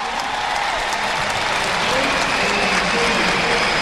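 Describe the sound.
A large crowd at the Gran Canaria Arena claps steadily as screens show the popemobile approaching, a dense, sustained wash of applause that stays loud throughout, with murmuring voices mixed underneath.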